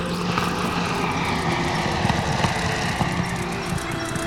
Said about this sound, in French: un sifflement lourd arrive tout droit du ciel. Henri lève les yeux. 4 aéroplanes s'approchent de la terre.